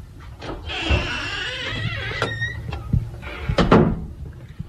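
A door creaks open with a long, wavering hinge squeal, followed by a few sharp wooden knocks and thumps, with no talking.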